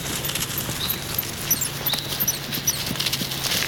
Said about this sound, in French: Je marche dans le silence d'une grande forêt, au pied des Pyrénées, dans le sud-ouest de la France. J'entends quelques gazouillis d'oiseaux et le bruit de mes pas sur les feuilles.